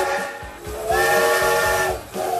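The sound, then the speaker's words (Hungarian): A steam locomotive's whistle sounds one long, loud blast over a steady hiss of steam, with rhythmic chuffing of the engine running underneath throughout. “1984-ben ezen a napon a MÁV leállította az utolsó magyarországi gőzbontatású személyvonat forgalmát.”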